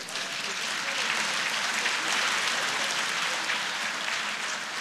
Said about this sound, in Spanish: Dar un aplauso al Señor por eso.